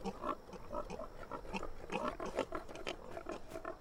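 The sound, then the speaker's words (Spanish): Several pigs grunt and snort continuously, a dense overlapping chorus of low guttural noises with no clear pauses, moderately loud throughout. “debemos buscar un camino alrededor de esos cerdos. Esas criaturas son peligrosas.”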